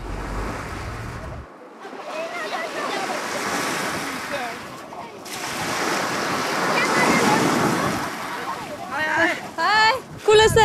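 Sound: sea waves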